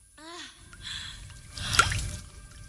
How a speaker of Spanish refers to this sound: Varias gotas caen en la charca.